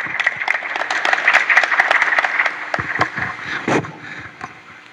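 A crowd applauds with dense, steady clapping that holds strong for several seconds, then thins out and fades. No one speaks over it.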